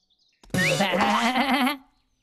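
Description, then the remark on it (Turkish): A single loud goat bleat lasting just over a second, with a shaky, wavering tone, then quiet. “Pardon keçi bey.”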